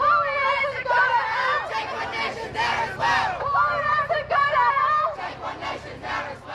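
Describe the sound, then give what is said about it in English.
A large outdoor protest crowd in the Perth CBD murmurs and chatters continuously, many overlapping voices blending into a dense, lively babble with occasional louder shouts rising above the steady din. “So there seemed to be quite a bit of support just anecdotally from walking around with this large crowd.”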